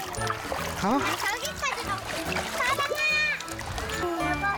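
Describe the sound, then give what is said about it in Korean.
Water splashes and churns continuously as a family plays in a valley stream on an outing, while children's voices call out and chatter over it, with background music running underneath at a steady, moderately loud level. “먼저 과일은 물속 천연 냉장고에 담가 넣고 본격적인 물놀이를 시작합니다.”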